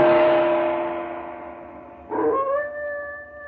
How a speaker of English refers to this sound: No sound can be heard but the ominous howling of a dog.